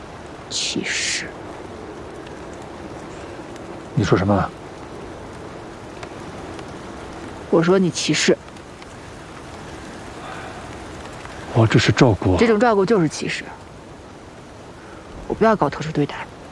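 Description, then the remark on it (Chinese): Rain falls in a steady, even hiss throughout, in cold weather. Short bursts of people talking come and go over it every few seconds. “下雨了，天气冷，你这样下去会生病的。”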